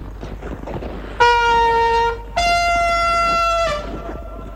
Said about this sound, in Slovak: Nože zatrúb ešte raz